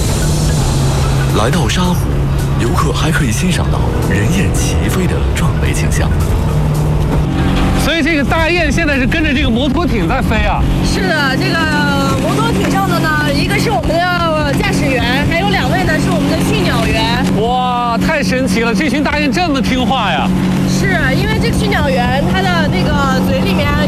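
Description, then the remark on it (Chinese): A motorboat engine drones steadily on Sha Lake, a loud, even low rumble throughout, as a flock of geese flies alongside the boat carrying a driver and two bird trainers; people talk over it and bursts of high, wavering calls rise and fall above the engine. “所以这个大雁现在是跟着这个摩托艇在飞啊？”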